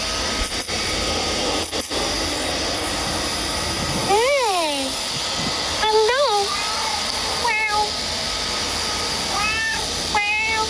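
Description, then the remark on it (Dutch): A cat meows as it runs up to a person walking from a train station, four or five distinct, fairly loud calls spaced a second or two apart, over a steady outdoor rumble like a train or rail station in the background. “Ja, er kwam dus een kat op mij afrennen.”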